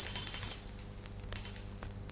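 A small hand bell rings twice to summon someone, each bright metallic jingle shimmering briefly before fading, the second following about a second after the first. Clear, with no talking.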